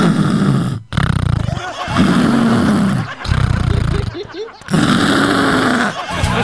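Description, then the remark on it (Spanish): A voice imitates snoring, with several long, loud, rasping snorts separated by brief pauses, grunting and throaty like exaggerated heavy sleep breathing. “Mira, ya solo que ustedes van a trabajar, ya solo vamos a roncar, vamos a dormir.”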